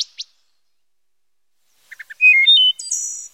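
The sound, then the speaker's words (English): A wood thrush sings one clear phrase up close from a bush beside a hiker stopped for lunch on the Pacific Crest Trail in Oregon: a few soft introductory notes, then liquid flute-like tones ending in a high, buzzy trill, with silence around it. “And when I got back into Eugene, Oregon, I finally identified it as a wood thrush.”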